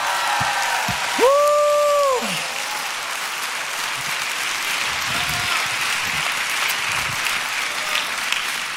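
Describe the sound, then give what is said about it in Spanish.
A crowd applauds loudly and steadily for several seconds, with a sharp two-tone whistle piercing through near the start before the clapping continues on its own. “¡Dele un aplauso fuerte!”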